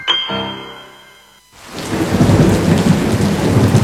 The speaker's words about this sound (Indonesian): Hujan lagi. Akhir-akhir ini hujan tiap hari ya? Iya, udah mulai musim hujan nih.